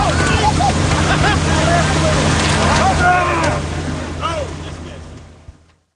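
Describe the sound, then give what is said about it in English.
Jumping carp splash and thrash around a moving boat, one coming straight down the length of the boat, as its engine drones steadily, rushing water and excited shouts mixing in before everything fades away near the end. “Here comes another one, comes straight forward the length of the boat, and just slams right in your chest”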